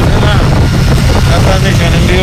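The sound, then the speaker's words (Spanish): Loud, steady roar of a motorcycle on the move, ridden by someone wearing a helmet and visor while recording a voice message on the way to work, with heavy wind buffeting the microphone and muffled speech barely audible beneath the continuous rumble. “Él va en moto, va en casco, va con su visera y tal, y por eso se escucha de esta forma.”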